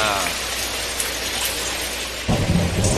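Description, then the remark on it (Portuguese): Steady, dense hiss of rain falling in Teoflotone, fairly loud throughout, with a heavier low rumble swelling in near the end. “Tá chovendo, tá chovendo!”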